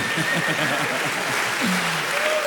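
Spontaneous applause from a crowd, a dense, steady wash of clapping at even loudness throughout, with a faint voice-like tone briefly rising above it near the end.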